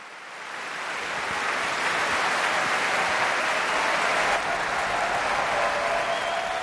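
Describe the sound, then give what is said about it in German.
Dense, sustained applause from a large, enthusiastic BBC Proms audience at the Royal Albert Hall in London, after the Orquesta Nacional de España under David Afkham played Falla's Three-Cornered Hat suites, rising quickly from near silence to a steady, loud roar of clapping that holds without pause for several seconds. “Und Sie hören es, ein derart begeistertes Publikum, das ist typisch für die BBC Proms, die Promenade Concerts, die jeden Sommer in der Royal Albert Hall in London stattfinden.”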